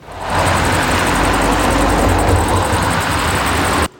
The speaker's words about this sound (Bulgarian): Около 15.30 часа десетки коли напускат авиобазата. След наше запитване оттам казват, че това са част от служителите, приключили смяната си.